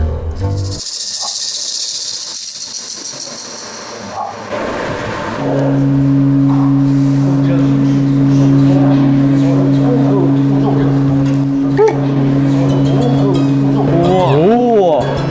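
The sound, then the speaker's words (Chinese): After a few seconds of hissing friction, a large gong, called bowei in the Dai language, rubbed continuously by hand, swells into a deep, steady resonant hum with a wavering, pulsing overtone, rising and sustaining loudly to the end. “它像是你共振之后，它那种共鸣声，然后就突然一下就拉大，我就是用手不断的去搓。”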